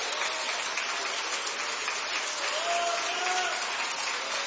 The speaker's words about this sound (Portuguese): Pode aplaudir, pode.